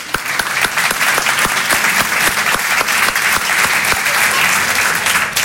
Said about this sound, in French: Applaudissez les hétérosexuels.